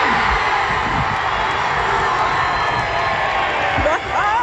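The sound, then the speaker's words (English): Several hundred soccer fans at an outdoor FIFA World Cup watch party at Eau Claire Plaza, Calgary, on a Friday afternoon roar for Team Canada in a steady, dense wall of cheering and shouting, with a few rising whistles or whoops breaking through near the end. “Several hundred people showing up on a Friday afternoon at Eau Claire Plaza weren't disappointed with the vantage point to cheer on Team Canada.”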